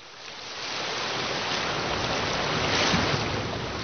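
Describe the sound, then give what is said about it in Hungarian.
Steady, broad rush of sea surf swelling gently and peaking near the end, a continuous wash of waves with no voices. “Hallgasd a tengert!”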